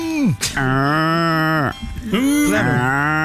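A cow moos loudly, a long drawn-out low call followed by a second moo after a brief pause.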